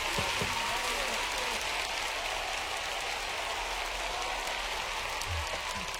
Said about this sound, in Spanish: aplauso.